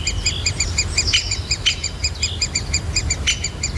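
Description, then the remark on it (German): A great spotted woodpecker calls in a quick, steady series of sharp, high electronic-sounding notes over a constant low rumble of wind or traffic. “Und ist ein Buntspecht.”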